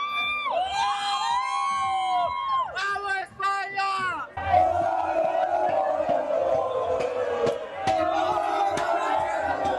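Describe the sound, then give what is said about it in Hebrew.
Crowds of Spain football fans celebrating in the city streets after the final whistle chant in loud, sustained sung unison, then erupt into a dense, roaring wall of cheering and shouting that continues to the end. “אותם רגעים אריה פרצו מכל הטאפס בפיים בעיר הזו החוצה לרחובות, המוני אוהדים והחילו לחגוג כל הלילה.”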